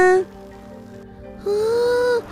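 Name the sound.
bicycle bell ringing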